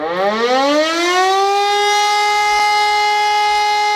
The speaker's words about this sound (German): Denn tatsächlich ist der Warntag, zumindest was die Sirenen angeht, offiziell durch. Das kann ich euch jetzt schon sagen. Ihr habt es vielleicht eben auch schon gehört. Bei mir kam die offizielle Endwarnung noch bis 15:45.